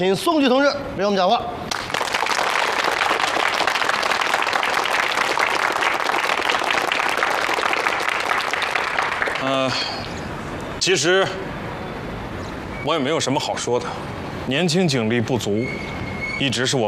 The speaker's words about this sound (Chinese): 同志们，用热烈的掌声。